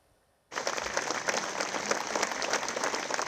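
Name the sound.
long applause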